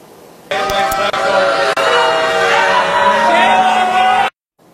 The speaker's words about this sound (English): At the very end, you can hear that loud booing, and that was the crowd's reaction when it was approved back in April by a 6-2 margin.